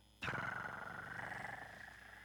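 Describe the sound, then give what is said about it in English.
A cat purring, starting abruptly and continuing as a steady, rhythmic rumble with a slight raspy hum on top, with no talking. “Oigo a mi gato ronronear.”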